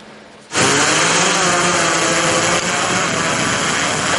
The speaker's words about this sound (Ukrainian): За лічені секунди дрон із денною камерою вже у небі патрулює прикордоння Вінниччини. В день він прекрасно виконує свою функцію і дозволяє знаходити правопорушників. Дрон точно фіксує будь-який рух, транспорт, підозрілі об'єкти, а найчастіше – людей.